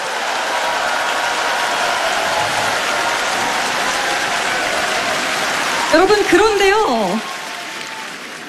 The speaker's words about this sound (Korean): 네, 여러분 박수 아끼지 마시고 네 힘찬 박수 부탁드립니다.